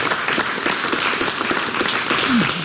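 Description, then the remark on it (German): A crowd applauds steadily, a dense wash of many hands clapping at once, fairly loud and sustained throughout with no break, and a brief faint voice sound near the end. “Der Applaus wert.”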